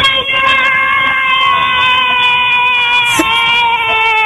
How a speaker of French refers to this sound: Vous êtes combien cet après-midi? On est à 4. À 4? Est-ce qu'on peut entendre tout le monde crier un petit coup là? Oui. Allez, ouais.